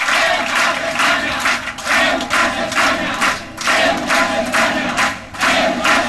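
crowd shouting

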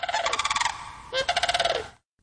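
bird call recording

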